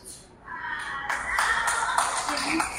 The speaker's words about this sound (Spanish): Espérate, no saben ni quién y aplaudiste. Ah, un aplauso. Ahora sí el aplauso, hombre.